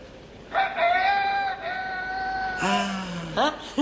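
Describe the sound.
A man imitates a rooster's crow: one long, drawn-out, wavering call that breaks into a lower, rising final note, loud against a steady background hiss.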